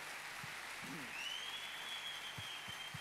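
A crowd applauds steadily throughout, a dense, even wash of clapping, while a sustained high whistle rises and holds over it in the second half. The applause welcomes a guest Bible teacher and speaker at an evening church gathering.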